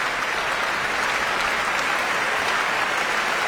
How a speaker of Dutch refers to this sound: En je hoort dat het applaus nu soms wat aanzwelt. En dat is omdat Emilia Holving verschillende orkestleden aanwijst die in dit werk een solo of een belangrijke partij, een reden voor een eigen applaus hebben.